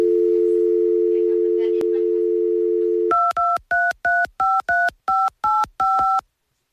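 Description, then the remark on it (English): A steady telephone dial tone hums for about three seconds, then ten quick touch-tone beeps of dialing follow in an uneven rhythm as a call is placed to a man, loud, with no one speaking. “Hold tight, and we're going to work on getting Rex on the phone”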